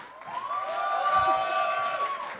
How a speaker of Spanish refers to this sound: Así que quiero brindarle un fuerte aplauso, ustedes me van a ayudar.